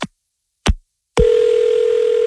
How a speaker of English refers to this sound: I'm going to dial her phone number right now.